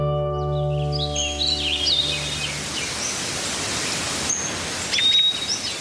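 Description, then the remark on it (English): Several birds chirp and call in quick, scattered bursts over a steady rushing background, while a sustained musical tone fades out during the first couple of seconds. “We'll let birds spread some holiday cheer on today's Nature Watch.”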